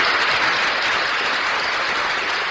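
A crowd applauds steadily, a dense wash of many hands clapping at constant loudness with no voices on top, sustained throughout.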